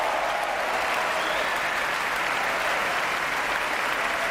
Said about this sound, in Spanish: Aplausos para él, de pie en el podio, y él indicando también que los aplausos sean para los músicos.